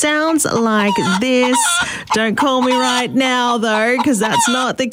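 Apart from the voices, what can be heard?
chicken clucking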